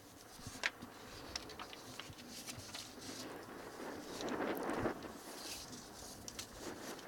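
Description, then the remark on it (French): Light wind blows outdoors on Lampedusa under a clear sky, a soft steady rush that swells briefly into a gentle gust midway, with a few faint clicks and taps scattered in the background and no voices. “Il y a un petit peu de vent et le ciel est au beau fixe à Lampedusa.”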